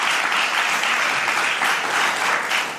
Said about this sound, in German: Und wir haben auch Live-Publikum hier im Studio Franken. Bitte einen Applaus